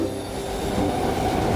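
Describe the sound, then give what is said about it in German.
An overcrowded subway commuter train rumbles steadily along the rails, with a loud, continuous low roar and a faint high whine of wheels throughout, unbroken. “Es ist vielleicht gleich Zeit für Sie, dass Sie aus dem Haus gehen und in die U-Bahn steigen.”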